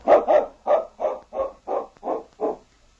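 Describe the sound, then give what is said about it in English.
A tracking dog named King barks about eight times in a quick, steady rhythm as it sets off after a scent taken from a piece of cloth. Each bark is a short, mid-pitched, fairly loud woof. No one speaks. “King can follow their scent without tracks.”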